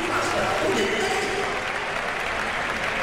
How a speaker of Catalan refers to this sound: Sí, però molt bé el públic, animant-li, aplaudint, perquè evidentment no ha notat, però clar, a nivell d'esforç, res a dir.